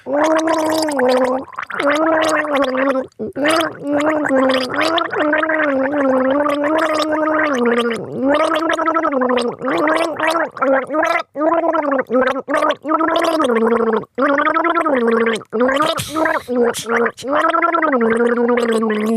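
Someone gargles water while voicing a melody, a bubbling, wavering tone that rises and falls in pitch for nearly twenty seconds, broken only by a few brief pauses for breath.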